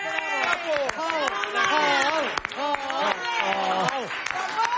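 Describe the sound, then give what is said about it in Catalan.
A crowd claps and cheers loudly for several seconds at the opening of the Brooklyn Bridge works in New York, with dense overlapping voices shouting "Bravo!" and whooping over steady applause, continuous throughout. “Ara sí podeu aplaudir.”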